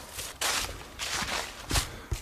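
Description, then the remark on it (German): Footsteps crunch along at a steady walking pace, several distinct steps, each a broad scuffing burst, as someone walks down into the Wolfsschlucht gorge in dead silence outdoors, with no talking. “Außer meine Schritte, die hört man.”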